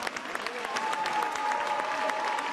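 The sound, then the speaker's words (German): Sustained applause from an audience for a whole team, a dense steady clatter of many hands clapping at an even loudness, with a faint whistle-like tone rising above it partway through. “Einen großen Applaus für das ganze Team.”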